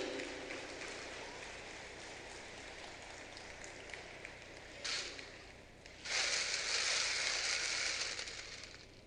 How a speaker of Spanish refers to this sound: Parece, señor, que lo queremos aplaudir entre todos. ¡Felicitaciones!